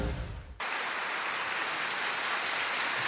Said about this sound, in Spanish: El aplauso es pronto para Mester y para toda la Orquesta Sinfónica Nacional en esta interpretación de Mi Madre la Oca de Maurice Ravel